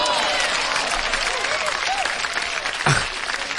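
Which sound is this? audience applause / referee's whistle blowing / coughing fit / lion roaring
audience applause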